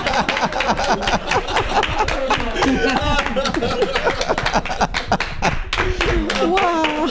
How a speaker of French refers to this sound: Ah non, il faut applaudir là, dans la radio.